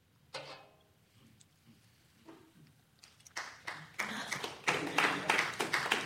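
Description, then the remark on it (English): Several people clap, starting with a few scattered claps that build into fuller, louder applause with irregular sharp slaps toward the end. “You know, I had to clap, but thank you.”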